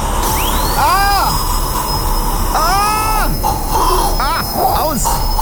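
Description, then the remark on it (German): A dentist's drill whines at a high pitch, its tone repeatedly rising and falling as it speeds up and slows down, loud and steady over a constant background hiss. “Ah, der Bohrer beim Zahnarzt, oder? Da geht's mir durch Mark und Bein.”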